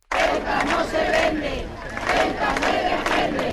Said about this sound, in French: Ceuta n'est pas à vendre, Ceuta doit être défendu. Ce sont quelques-uns des slogans qui ont été scandés dans la manifestation qui a réuni des milliers de personnes, place de Cibeles à Madrid.